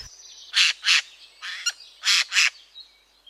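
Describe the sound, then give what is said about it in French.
A Eurasian jay gives five harsh, raspy screeches in quick pairs, loud, with brief pauses between them and no voices present. “Parlons d'un oiseau aujourd'hui particulièrement commun dans nos forêts, le jay des chênes.”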